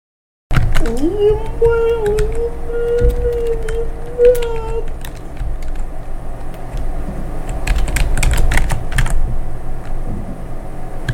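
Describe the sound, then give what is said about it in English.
Rapid, irregular clicks of someone typing on a computer keyboard continue throughout, over a low background rumble, with a steady tone sustained through the first half. “And I do hope the cameras aren't on the keyboard too well there.”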